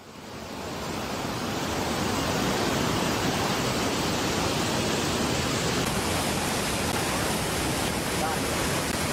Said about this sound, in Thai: น้ำตกเมื่อเช้านะคะตอนนี้น้ำป่าไหลแรงมากค่ะ